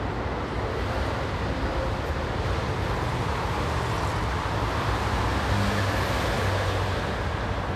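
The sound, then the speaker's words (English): A constant, dense roar of jammed road traffic on the October the 6th Bridge, a gigantic urban highway across the city that about 1 million cars commute through every day, a broad steady wash of engines and tyres with faint low hums, loud throughout with no voices. “Traffic jams never stop. Traffic is out of control. 1 million cars commute through this route every day.”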